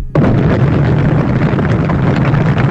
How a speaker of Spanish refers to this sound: Nacionalista, carajilla, ya nos llegó. Ya llegó. El terregal. Ahí va con agua.